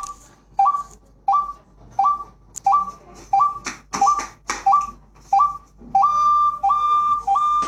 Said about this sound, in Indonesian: Pemburu membunyikan seruling dengan sabar beberapa waktu hingga seekor burung akan datang.